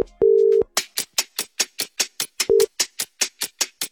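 phone call ringing out

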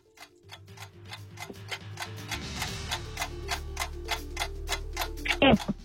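quiz countdown clock ticking

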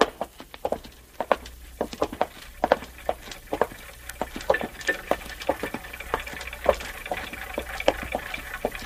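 many clocks ticking

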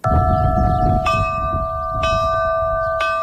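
church bells ringing

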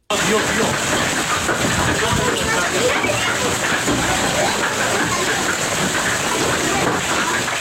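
hailstorm

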